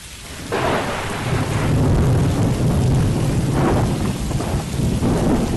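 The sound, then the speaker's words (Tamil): Deep, rolling thunder rumbles on steadily under the hiss of falling rain as a storm with lightning arrives, swelling in loudness around the middle and holding strong to the end, with no voices. “மழை வரபோது புள்ள, வா வா, இடி இடிக்குது, மின்னலெல்லாம் வருது”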